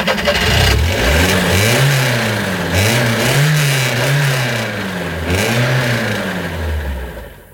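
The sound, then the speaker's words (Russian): A car engine revs hard in repeated surges, rising and falling every second or so as the car, stuck in a gateway, strains to pull free, loud, with no voices. “Вот посадим машину. Ну, парень, как первый раз в воротах засел.”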